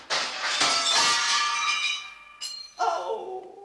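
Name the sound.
window glass shattering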